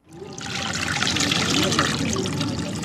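Water sloshes and pours steadily as fabric is soaked in a water-filled dye pit, a continuous close wet splashing and trickling that rises quickly and holds for a few seconds.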